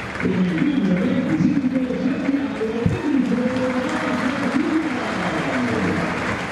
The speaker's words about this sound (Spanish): Buenos aplausos para Marcelo.